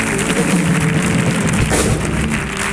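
A loud, sustained ovation from an audience, with dense applause and crowd noise holding steady for the whole stretch and no clear pause.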